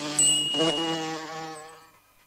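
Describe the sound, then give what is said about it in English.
A bee buzzes steadily with a rich, droning hum, fairly loud, then gradually fades away over a couple of seconds. No voices are present. “I'd better be buzzing along." At tea time, Katie drew another picture and wrote, "A big bad bee.”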